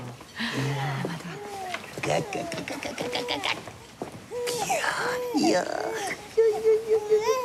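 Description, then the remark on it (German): A baby cries loudly, a string of wavering, rising-and-falling wails with brief breaths between them, growing more intense and higher-pitched toward the end. “Wer schimpft denn da so laut?”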